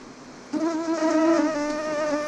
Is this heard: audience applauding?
no